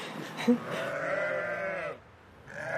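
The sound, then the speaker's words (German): Twelve freshly shorn ewes and their lambs bleat in a large enclosure in front of a barn, one long wavering bleat overlapping others, then a short pause before another bleat starts. “Die Schafe stehen vor dem Stall in einem großen Gehege.”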